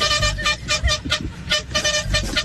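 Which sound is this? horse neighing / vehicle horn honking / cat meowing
vehicle horn honking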